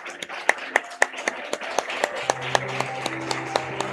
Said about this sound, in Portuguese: Peço uma salva de palmas para todos os homenageados com diploma fisioterapeuta a destaque.